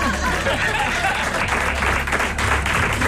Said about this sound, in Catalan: I aplausos del públic.